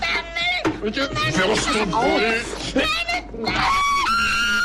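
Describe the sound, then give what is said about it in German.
A piercing, glass-shattering scream from Günter Grass's masterpiece rings out loud, a shrill, strained voice rising and wavering in several long drawn-out bursts that fill nearly five seconds with little pause. “Ja, der Schrei, der Glas zerspringen lässt.”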